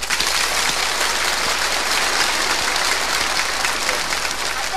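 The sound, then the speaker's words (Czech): Loud, sustained, stormy applause from a large audience clapping on request, dense clapping filling the whole stretch at a steady, roaring level with no talking over it. “A teď pozor, ale prosím vás, nechte si jako dobří hospodáři rezervu. Bouřlivý teď.”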